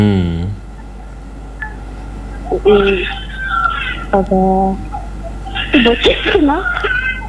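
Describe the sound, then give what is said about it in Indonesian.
Bursts of chirpy, warbling electronic tones from a child's mobile phone, belonging to the speaker's nephew, rising and sweeping in short phrases over a steady low hum, with brief pauses between. “Itu keponakan. Oh, keponakan tak. Biasa ini HP anak-anak sekarang.”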